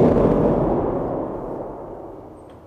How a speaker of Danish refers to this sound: Der sidder en stor pedal. Når jeg træder på den, så træder jeg på alle de 12 nederste tangenter på én gang. Og det kan være et meget, meget, meget diskret og fjernt uvær. Men det kan jo altså også være en torden, der er lige op over.